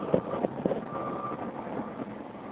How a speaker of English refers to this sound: Get this big interchange, there's a bunch of traffic for people waiting to get into the tunnel.